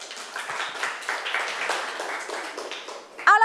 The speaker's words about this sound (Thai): ปรบมือเป็นกำลังใจให้กลุ่ม5หน่อยค่ะ